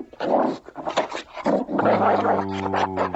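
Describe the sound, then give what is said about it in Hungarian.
A dog vocalizes in a continuous run of yelps and barks, then drifts into a drawn-out, steady whining howl, with no talking over it. “Okos kutya, okos kutyuska.”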